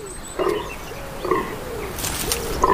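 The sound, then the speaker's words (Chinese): A male deer calls to attract nearby females, a series of short, rough, low grunts, about five in under three seconds, repeating at an uneven rhythm over a steady background hiss. No one speaks. “周围的雌性天鹿数量不少，雄性天鹿借助叫声和气味来吸引附近的雌性同类。”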